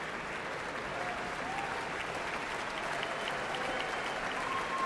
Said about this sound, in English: More cheers. The audience here in Marian Anderson Hall clearly loves to hear these players out in front of their colleagues and just doesn't want to let them go. Their colleagues are also showing appreciation for these wonderful wind players